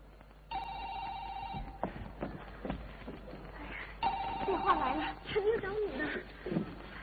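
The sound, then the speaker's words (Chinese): An electronic doorbell at a home in the city rings with a steady, bright buzzing tone for about a second, then sounds again a few seconds later as people talk and shuffle around it. “到了，这还有门铃。”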